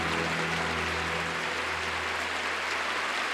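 A crowd of congregants applauds in a steady, dense wash of clapping that stays loud throughout, with a low sustained tone humming underneath for the first half before fading.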